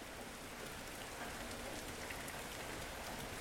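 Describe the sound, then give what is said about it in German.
Heavy rain pours down in a steady, dense hiss, with countless drops pattering on surfaces, a sudden rainstorm with strong wind in the Werra river valley, with no voices. “Es regnet und stürmt unvermittelt.”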